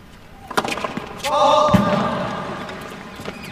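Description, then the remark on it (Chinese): During a tennis match, a tennis ball smacks into the glass windscreen in front of the commentators' booth with a loud, hard thud, after a couple of sharper knocks, and a brief humming resonance lingers over a murmur of background voices. “这个球直接撞在了我们评论员评论席前面的这个挡风玻璃上。”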